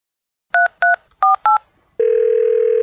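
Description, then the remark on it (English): Four quick touch-tone beeps of a telephone dialing the Wiffles Hybrid Seed Corn Hotline, evenly spaced with brief gaps, then a loud, steady electronic tone that holds unbroken to the end. No voices. “Hello, you've reached the Wiffles Hybrid Seed Corn Hotline.”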